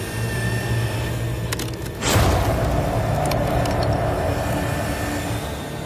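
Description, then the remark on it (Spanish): Hydraulic jaws, a tool that applies the same bite force as a megalodon, drone with a steady low mechanical hum, then a single loud, sharp crack bursts out as the cow bone snaps in two. The machine keeps humming afterward with faint clicks. “Primero, Dan prueba la herramienta con un hueso de vaca.”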